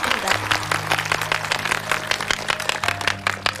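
An audience applauds steadily for several seconds, a dense, continuous patter of many hands clapping at a fairly loud, even level, with a faint low sustained tone humming underneath.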